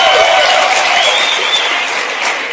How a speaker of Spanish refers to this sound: Aplaudan, hombres, aplaudan.